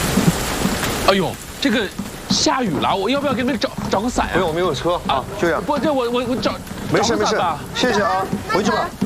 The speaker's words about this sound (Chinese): 哎呦，这个下雨了，我要不要给你们找个伞呀？